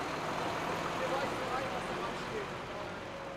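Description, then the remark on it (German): A Polish refrigerated truck pulls away after being cleared at a check, its engine a steady, broad rumble with a hissing wash of noise that holds fairly constant and fades only slightly over a few seconds. “Der polnische Kühltransporter kann weiterfahren.”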